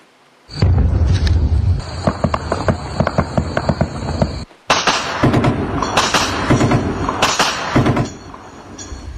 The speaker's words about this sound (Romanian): Atentat cu mașină capcană urmat de un schimb de focuri de armă la un punct de control al poliției din Pakistan